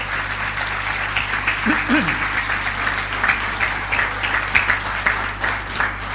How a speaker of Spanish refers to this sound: ¿Cuánto le dan un aplauso al Señor? Denle un aplauso grande al Rey de Gloria.